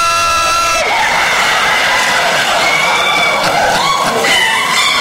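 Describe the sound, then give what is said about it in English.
A large audience cheers and applauds loudly for the ladies for about five seconds, a dense wall of clapping and shouting with scattered whoops, opening with a sustained high-pitched yell that cuts off abruptly. “Gentlemen, could we give the ladies a round of applause, please?”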